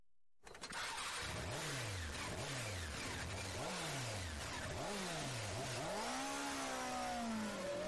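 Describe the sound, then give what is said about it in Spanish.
A motorcycle engine revs up loud in five quick rising throttle blips, then holds a longer, higher-pitched rev at the end, with no voices. “La fuerza que tu motocicleta necesita, solo en Motorrepuestos Guevara.”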